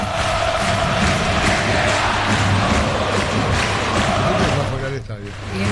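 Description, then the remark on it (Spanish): A large crowd of football supporters (the barra) outside the stadium shouts and chants together in unison as the players leave at the end of the match, a loud, dense roar of many voices with a steady pulsing rhythm that dips briefly near the end. “Sí, este fue grito unánime, porque afuera fue la barra la que.”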